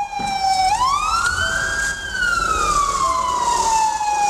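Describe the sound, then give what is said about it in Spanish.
A loud siren of a Fabia emergency car from the Nahomolce hospital wails, its pitch sweeping up and slowly falling in one long continuous cycle over steady road noise, as cars stop to let it pass, with no one speaking. “para así poder adelantar a una fila de coches que se había detenido, a pesar de tener también la luz en verde, para dejar paso al Fabia de emergencias del hospital Nahomolce.”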